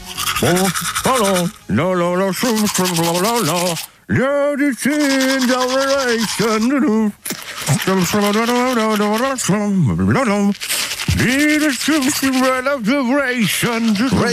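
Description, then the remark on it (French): A person hums a song with a mouth full of toothpaste foam while a toothbrush scrubs steadily. The voice is loud, the melody continuous with a few short breaths between phrases. “Oui, avec une belle moussette dans la bouche. …, s'il vous plaît, pour le jeu de la brosse à dents.”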